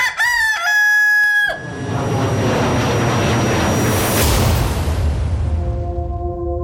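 A rooster crows loudly for about a second and a half, then a long rushing whoosh of wind takes over, with faint steady tones at the end.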